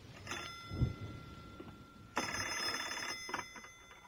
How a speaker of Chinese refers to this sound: 突然电话铃响了